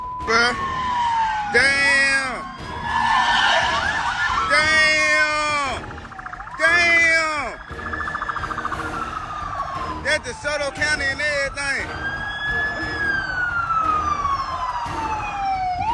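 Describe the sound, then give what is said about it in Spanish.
Several police sirens wail and yelp at once during a police chase in Mississippi, rising and falling in overlapping sweeps with rapid warbling bursts, loud, over traffic noise; voices can be heard underneath. “Al escuchar las sirenas, un joven empezó a grabar y esto fue lo que captó.”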